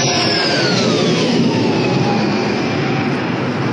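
A loud, steady engine roar fills the whole stretch, with high whining tones sliding downward as a military jet aircraft chases a drone past. No one speaks.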